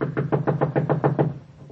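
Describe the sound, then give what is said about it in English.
A rapid, steady run of about nine knocks on the door of a house with a porch, with a solid, low thud, followed by one fainter tap after a short pause. No one speaks. “Knock again.”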